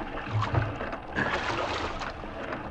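Oars splash and dip through water in a small rowboat, with soft sloshing and a couple of low knocking strokes over steady wash; no one speaks.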